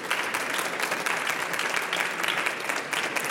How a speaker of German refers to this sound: Herzlich willkommen, einen herzlichen Hallo. Applaus.